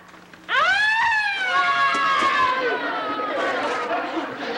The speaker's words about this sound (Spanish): Es la sirena de la ambulancia.